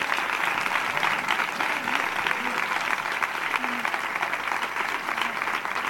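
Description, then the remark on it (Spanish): Sustained audience applause for the families being given a financial contribution at the event, a dense steady wash of many hands clapping at even loudness for several seconds, with faint voices murmuring underneath. “de verdad que, aparte de esa colaboración económica que es fundamental, que hoy os lleváis de todos los que estamos aquí, os llevéis este caluroso aplauso de fuerza para ayudaros siempre en todo lo que podamos.”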